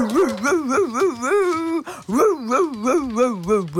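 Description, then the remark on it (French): A voice imitates a three-legged dog barking with all its might toward the street, a rapid, continuous run of wavering, yelping bark sounds with no pauses, forceful throughout. “Le chien aboie de toutes ses forces en direction de la rue.”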